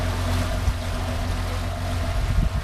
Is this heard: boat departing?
yes